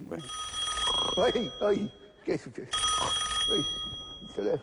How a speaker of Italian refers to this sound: Oddio, il telefono, io dico, le 3 di notte, qui è successo qualche disgrazia, con questo freddo che fa? Sarà morto qualcuno familiare, pronto?